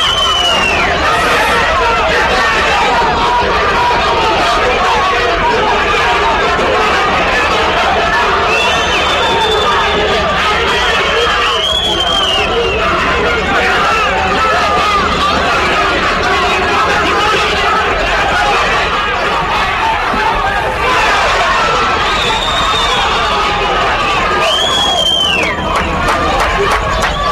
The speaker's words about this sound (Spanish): Sí, se retiran y son abucheados, silbados. Así se retiran, escuchen.